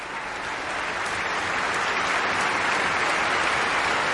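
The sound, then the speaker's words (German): A concert audience applauds composer Tönu Körwitz, who has come onto the stage after soloist Xenia Sidorova and the Estonian Festival Orchestra under Paavo Järvi performed his concerto, a dense, even wash of clapping that holds at a constant loud level for the full four seconds, with no voices standing out. “Der bekommt hier gerade seinen Applaus, ist mit auf die Bühne gekommen.”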